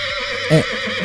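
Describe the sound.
A single brief vocal call with biphonation, two distinct tones sounding at once, rising and falling in a quick, bright burst over a steady low background hum. No one speaks.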